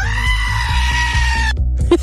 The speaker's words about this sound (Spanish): ¿Le puedes mandar una cabra gritona a mi esposo Julio, porfa?